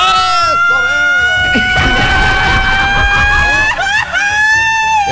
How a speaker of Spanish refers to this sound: Pongámosle grito ranchero a este programa, compadre.